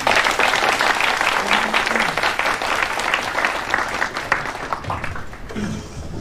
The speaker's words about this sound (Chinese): 那好，让我们再以热烈的掌声欢迎他们。